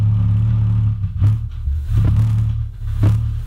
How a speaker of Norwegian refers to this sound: Det faktisk bare 2-4% av oss som kan høre denne lyden, hevdes det. Og her så skal dere få et eksempel. Dette et av mange opptak som ligger der ute av The Windsor Hum fra Windsor I Kanada.